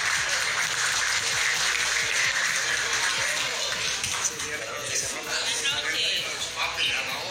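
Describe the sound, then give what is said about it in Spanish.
Sustained applause from an audience at an evening tribute ceremony, a dense wash of clapping hands that stays steady and fairly loud throughout, with a few voices murmuring underneath. “Fuerte el aplauso para él.”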